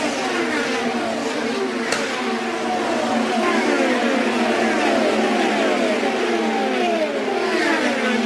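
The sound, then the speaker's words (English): Race cars, led by Rossi's Napa car ahead of Alex Tagliani and Tony Kanaan, roar down the front straightaway in a loud, unbroken wall of engine noise, their high whining tones overlapping and sliding up and down in pitch for about eight seconds. “Moving down the front straightaway, the Napa machine of Rossi is in the lead.”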